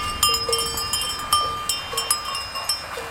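A flock of ewes with their shepherdess on the move at Luz-la-Croix-Haute, their bells clanking and ringing irregularly in overlapping strikes, fairly clear, with no voices heard.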